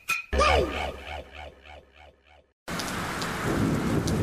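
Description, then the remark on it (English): A thunderstorm: a deep rumble of thunder rolls and echoes away in fading pulses, then a sudden steady roar of heavy rain pours down, loud. “Top end communities have had it tough with floods and storms, damaging homes and contents.”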